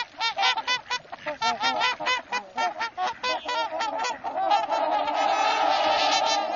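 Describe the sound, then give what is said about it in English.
A flock of swans calls continuously, many overlapping honking, bugling notes in quick succession, swelling into a dense clamor toward the end. Loud, with no voices. “In the fall and winter, tundra swans fly to wetlands in the west and mid-Atlantic.”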